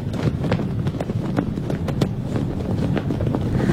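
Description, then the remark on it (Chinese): A national flag flaps hard in strong wind, a sound linked to National Day: a steady, loud gusting roar broken by irregular, sharp fabric snaps and cracks every fraction of a second, with no voices. “风很大，就是国旗飘扬的声音。”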